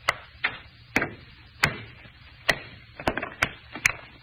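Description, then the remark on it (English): A hammer strikes a stone again and again, trying to break it in half along a fissure; the stone is almost solid metal. About ten sharp, hard knocks at an uneven pace, some spaced apart and others in quick clusters, with no voices. “All I'm going to do is try and break it along this fissure. See, I get a hammer.”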